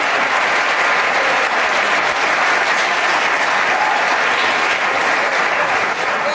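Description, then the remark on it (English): At a religious service, a large crowd claps steadily for God, the dense applause filling the whole space without pause. The sound stays loud and even throughout, with no speech breaking through. “Give God a hallelujah. And a hand clap.”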